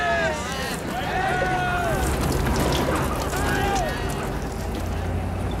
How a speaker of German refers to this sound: Sprengwagen nennen die das.